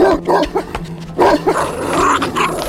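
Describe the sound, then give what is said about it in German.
A stout bull terrier barks and snarls aggressively as it attacks a man, several sharp, harsh barks in quick bursts over a rough, continuous growl, with no talking. “Neben ihm lief ein feister Bullterrier, der nur auf ein Zeichen zu warten schien, um Finlay zu jagen.”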